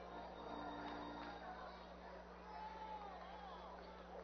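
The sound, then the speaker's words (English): A large ballpark crowd of baseball fans boos the opposing team's pitcher in a steady, continuous wash of many voices, with a faint electrical hum beneath it and no clear individual speech. “And the fans here continue the custom of booing the other team's pitcher.”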